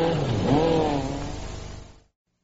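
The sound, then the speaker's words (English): The engine of a new Skoda Super Estel car revs loudly, its droning pitch climbing and wavering before settling into a steady roar that cuts off abruptly after about two seconds. No one speaks. “Skoda's new Super Esto puts the man in the street and his dog on the road.”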